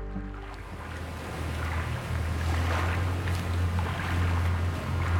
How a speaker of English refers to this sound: You can hear birds and you hear water, and it's like this little strip of wilderness just running through this modern mega city. Flora Spiegel and I are gazing over the lapping water of the River Thames in London.